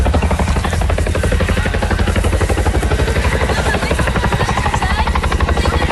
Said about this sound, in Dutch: Daarbij krijgen de brandweerlieden hulp uit de lucht van Chinook-helikopters, die onafgebroken water uit de Maas halen om boven het natuurgebied te lossen.